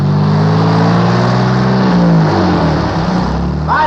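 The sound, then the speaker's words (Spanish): A loud gravel truck packed with people revs and strains as it approaches, its droning engine pitch rising and falling. The engine fills the whole recording, with no talking. “Y ahí viene un balastrero, bella, lleno de gente.”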